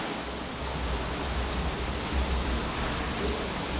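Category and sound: nature, water flowing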